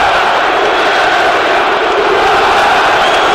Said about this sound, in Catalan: Aquells crits de puta Barça, puta Catalunya.